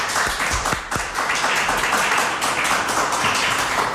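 Sustained audience applause, a dense, steady wash of many hands clapping at a fairly loud level, with a few sharper individual claps standing out early on and no voices over it.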